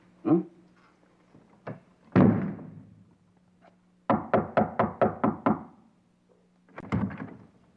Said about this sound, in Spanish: Mira, chavita, si me sigues tocando la puerta, yo te voy a sacudir la cabeza.